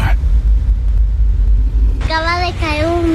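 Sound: thunder rumble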